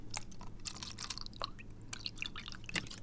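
100% natural, all-fruit, no-sugar-added fruit punch is poured into a cup until it is almost full, a steady trickle with scattered splashy drips and small liquid gurgles over a low background hum, no one speaking.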